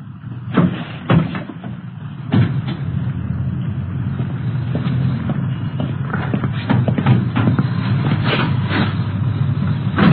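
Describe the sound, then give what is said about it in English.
A car hood release is pulled with a couple of sharp clicks, then a clunk as the hood is opened to check the engine number, followed by scattered metallic knocks over a steady low background rumble. “Yeah, I'll get the hood release.”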